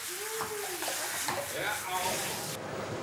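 A cold shower sprays water in a steady, broad hiss that fills the whole clip, with a brief wavering vocal sound and some splashing over it; the spray's bright top end cuts off near the end.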